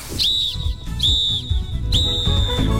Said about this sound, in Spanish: No esperes el pitazo final. No espere para nada el pitazo final, no, señor. Usted no espere ese pitazo final nunca.